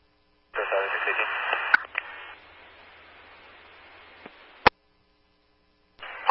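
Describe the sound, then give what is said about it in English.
A radio transmission breaks up into a steady wash of static, punctuated by sharp clicks, then cuts to silence before another brief burst of garbled radio voice starts. “Static, go again.”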